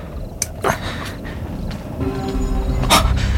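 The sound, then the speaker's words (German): A dog pants and snorts, with a few sharp, breathy bursts standing out over a low steady hum that grows slightly louder toward the end. “Offenbar hat er seinen Hund gefunden.”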